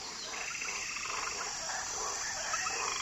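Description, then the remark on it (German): A dense, steady chorus of frogs croaking and trilling, many overlapping voices at an even level with no gaps, and no one speaking; small, brightly coloured frogs among tree roots on the floor of the South American rainforest. “Frösche in knallbunten Farben leuchten zwischen den Wurzeln hervor.”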